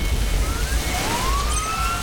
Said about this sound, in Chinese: 每当鸣着警笛的消防车驶过，就意味着又有人身处险境。